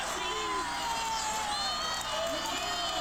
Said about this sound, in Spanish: Cada jugada despertó emociones. Los silencios duraban segundos y enseguida regresaban los cánticos, los aplausos y las discusiones propias de un evento como este.